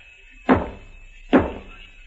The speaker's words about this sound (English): What are you banging on the wall for? You hear that? Yeah. Somebody knocked back. Where'd it come from? The next room, I think.